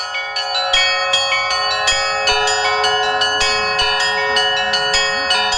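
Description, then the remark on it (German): Church bells at the Transfiguration Monastery in Yaroslavl, Russia, ring out in a rapid, overlapping chime played by a bell ringer, many bright strikes layered over a sustained ringing hum, loud and continuous with no voices. “wir folgen nun unserem Guide Alek und dem Glockenspiel”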